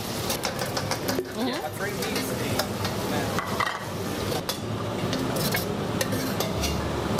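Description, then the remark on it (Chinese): Pork stir-frying in a hot wok to fry out part of the fat, with a steady crackling sizzle and repeated scraping of a utensil against the wok, at a Sichuan cooking class for tourists. Muffled voices murmur in the background. “把肥的一部分的油脂给炒出来，这样吃上去就不会特别腻。”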